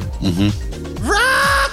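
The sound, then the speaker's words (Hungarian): Donkey, the character from Shrek, brays loudly in a trailer, with a strained, wavering call that rises sharply in pitch and then holds a harsh, drawn-out note before breaking off. “Szamár!”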